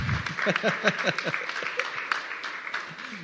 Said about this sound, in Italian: eccolo qua, sì, applauso, ci sta.